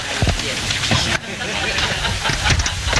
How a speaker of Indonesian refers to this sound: Namun, semakin mendekati kampung Sungai Utik, nuansa hutan semakin terasa, dan kami pun larut dengan suara-suara khas hutan tropis.